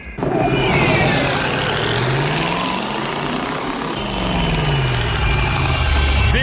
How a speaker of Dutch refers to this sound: Was het geluid van de vliegende auto's in Back to the Future.